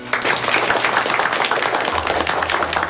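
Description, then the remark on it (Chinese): A group of students applauds after a speech, a dense, steady wash of many hands clapping at once that holds at a fairly loud level for about three seconds, with no voices over it. “同学们，怎么还不鼓掌？”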